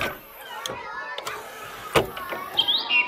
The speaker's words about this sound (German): So schön singt die Amsel. Da kann die Krähe nicht ganz mithalten.